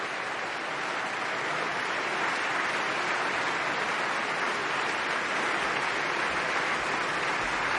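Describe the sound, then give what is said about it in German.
Sustained applause from a large concert audience as the concert's co-composer comes back on stage, a dense, even wash of many hands clapping at once, steady and fairly loud for the whole stretch with no voices on top. “Jetzt kommt er nochmal auf die Bühne und hat diesen Applaus sowas von verdient.”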